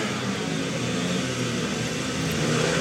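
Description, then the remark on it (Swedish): Several speedway motorcycle engines rev together at the tape at the start of a heat in a Swedish league speedway match, in a loud, sustained, buzzing roar that holds steady for about three seconds, with no voices over it. “Så gasar vi upp.”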